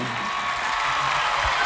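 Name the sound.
audience applause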